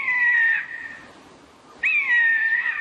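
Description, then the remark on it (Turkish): Two loud, harsh screeching calls of a Eurasian jay, recorded in Antalya, each under a second long, separated by a brief pause with only faint background hiss. No one speaks. “Alakargayı … Antalya'da.”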